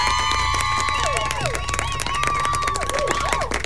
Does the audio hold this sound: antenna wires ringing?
no